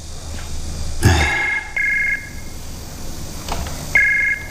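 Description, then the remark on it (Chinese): A telephone rings with short, repeated electronic tones in steady bursts, clear, after a brief thump near the start; no one speaks. “接个电话。”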